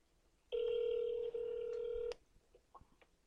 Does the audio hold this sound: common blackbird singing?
no